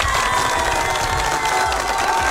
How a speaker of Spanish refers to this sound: Un fuerte aplauso para ti. Claro que sí, por favor.